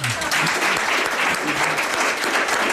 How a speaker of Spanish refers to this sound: Pero nuestro público de aquí es espontáneo, uh-huh, es libre y sin que les hayamos comprado, ¿verdad? En absoluto. Nos aplaude.